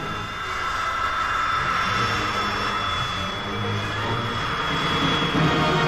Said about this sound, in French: Cependant, à partir des porte-avions américains qui croisent en mer de Chine, ici le Ranger, les chasseurs-bombardiers continuent de s'envoler pour le Vietnam du Nord vers des objectifs toujours un peu plus proches de Hanoï.